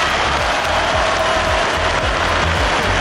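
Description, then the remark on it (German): A large crowd cheers and applauds loudly and continuously at the opening gala of the Bundesgartenschau in the Stadion der Freundschaft stadium in Cottbus, broadcast live on television, a dense wash of clapping and voices with no one speaking over it. “Und danach kannte der Jubel keine Grenzen mehr.”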